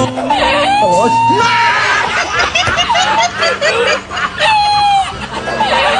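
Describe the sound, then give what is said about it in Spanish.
A voice imitates a turkey's gobbling, with loud, warbling bursts repeated several times, along with other voices babbling in the background. “¿Y qué le dijo el pavo a la pava? ¡Apaga la luz! ¡Apaga la luz!”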